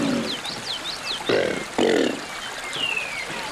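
Two short, deep bellowing roars from a Chinese alligator, one right after the other, loud, made without vocal cords by chest and abdominal muscles rapidly compressing the lungs, with birds chirping and twittering faintly in the background.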